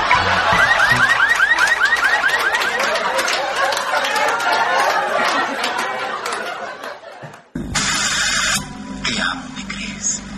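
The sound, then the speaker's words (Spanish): A car alarm of a car parked in front of the National Congress whoops with quick repeated rising chirps amid a noisy crowd of chatter and laughter, then the scene cuts abruptly to a different burst of sound. “El hombre le responde: no se preocupe, amigo, mi auto tiene alarma.”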